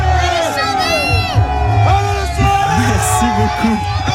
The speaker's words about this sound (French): Donc voilà, vous pouvez l'entendre hein, dans le bus. Il y a vraiment du bruit.